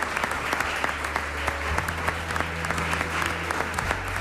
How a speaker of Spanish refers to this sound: Pues un aplauso, ya que no le hemos dado nada.